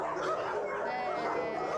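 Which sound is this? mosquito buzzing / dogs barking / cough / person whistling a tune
dogs barking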